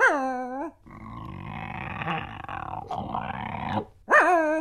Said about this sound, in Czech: Teď se to pohnulo. To je nějakej velký pes. Snad nemyslíš, že je to ten doopravdický medvěd. Medvěd by bručel. Medvěd vždycky bručí.